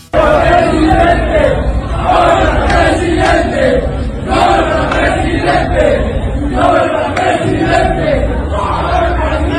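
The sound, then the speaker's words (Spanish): A loud stadium crowd shouts "presidente" in unison at Jalisco governor Pablo Lemus, a rhythmic chant repeating in waves over steady background roar, many voices blending together throughout. “Le gritan presidente a Pablo Lemus.”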